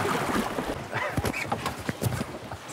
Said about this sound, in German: Stromschnellen. Jetzt kommen die Stromschnellen. Immerhin Wildwasserstufe 1. Stufe 6, die höchste, wäre schon Rafting.